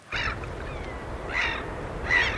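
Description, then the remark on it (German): Gulls give three harsh, squawking calls in the wind at roughly even intervals over a steady low rumble of waves, on a coast in Sweden in the middle of the night in spring, during a live Swedish radio broadcast of bird sounds. No one speaks. “Möwen und Wellen, guter Stoff, sagt einer der Moderatoren im schwedischen Radio.”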